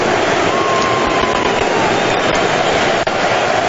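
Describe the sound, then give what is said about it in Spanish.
A stadium crowd in Miami gives a loud, sustained ovation as England footballer Jude Bellingham leaves the pitch, a dense, steady roar of cheering and applause that holds at full volume for the whole stretch, with no single voice standing out. “Así despide Miami a Jude Bellingham. Con esta ovación.”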